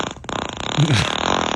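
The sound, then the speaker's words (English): A fart recording sent by text message plays back, a buzzy, sputtering blast with a wavering low pitch that lasts about a second, with no voices over it. “A little taste of what happens when 6 people decide, hey, let's just text each other our farts.”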